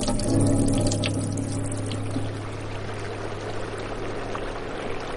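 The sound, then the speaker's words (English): Treated water from Tucson pours steadily from a tap in a continuous rushing stream, fairly loud, with a low hum running underneath the whole time. “And then it comes out of the tap.”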